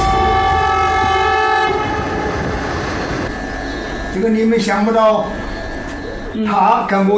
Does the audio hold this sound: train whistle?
yes